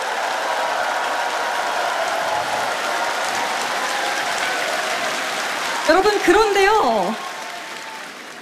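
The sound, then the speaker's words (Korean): A crowd claps in sustained, dense applause at the close of a concert, holding steady for several seconds, with a voice briefly speaking over it near the end as the clapping starts to taper. “네, 여러분 박수 아끼지 마시고 네 힘찬 박수 부탁드립니다.”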